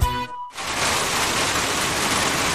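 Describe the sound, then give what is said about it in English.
A brief musical tone cuts off, then heavy pouring winter rain in Victoria rushes in, a loud, dense, steady hiss of water that continues unbroken with no voices. “Have you experienced the pouring bit of winter in Victoria?”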